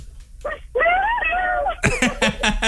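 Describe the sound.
A voice lets out a loud, high falsetto shriek imitating a pop singer's signature squeal, to celebrate a correct answer in a radio contest. It is held for about a second, wavering then sliding down, followed by a burst of noisy shouting or laughter.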